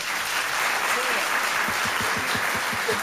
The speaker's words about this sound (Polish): Proszę, brawa